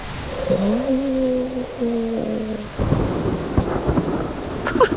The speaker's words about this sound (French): Et maintenant, il entend le tonnerre. Et voilà, encore un éclair. Le tonnerre gronde, gronde. Il gronde de plus en plus fort. Boum, bang, boum. Le tonnerre claque au-dessus de la tête de Toudoux.